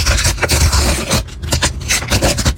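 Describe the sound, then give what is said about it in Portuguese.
A small packet of World Cup stickers is torn open, with crisp ripping and crinkling paper in a string of quick, uneven bursts, fairly loud and with no one talking. “Ah, rasgar o pacotinho e abrir as figurinhas da Copa do Mundo.”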